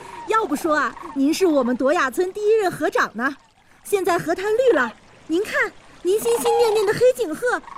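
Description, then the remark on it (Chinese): A flock of black-necked cranes, returned to the greened river flats of Duoya village, calls in loud, overlapping bugling honks, pausing briefly before resuming. Water trickles faintly underneath. “现在河滩绿了，您看，您心心念念的黑颈鹤都回来了。”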